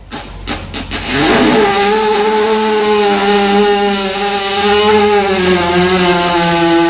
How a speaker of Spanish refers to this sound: La mayoría de la gente dice que es una motosierra. Es el pedo de un caballo. Es no solo un pedo, puede sonar escatológico,